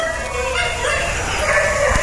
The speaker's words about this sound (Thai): นี่นะฮะนี่ไม่หยุดนะฮะไม่หยุดนะฮะเห่ากันต่อนะเนี่ย